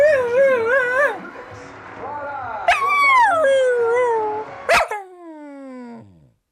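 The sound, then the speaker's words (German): A dog whimpers in high, wavering whines, with one sharp yip near the end followed by a long whine that slides downward and fades out. “Ach, kümmere dich doch mal um den Hund hier.”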